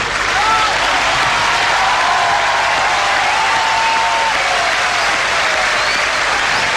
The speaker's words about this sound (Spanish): Hace mucho nos conocemos, te honramos con este aplauso.